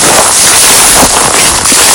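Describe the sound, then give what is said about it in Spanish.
A reporter's footsteps crunch over ground burnt by a wildfire, snapping sticks and branches of the few remaining trees: a dense, loud crackling texture with a few sharper crunches standing out. No voices are heard. “Así suena el suelo, los palos y las ramas de los pocos árboles que quedan. Son las pisadas de nuestro compañero”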